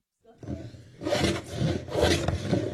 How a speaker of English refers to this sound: The sound of sanding, filing, and chipping, and the aroma of spruce fills a classroom in Thunder Mountain Middle School early Monday morning. Students are working on something pretty atypical of a conventional classroom experience.